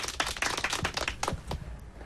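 Buttons on a karaoke machine are tapped hunt-and-peck style to start the accompaniment, in an uneven series of sharp clicks, some quick and some spaced apart, moderately loud with no voices.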